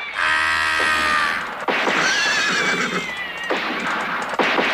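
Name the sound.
horse neighing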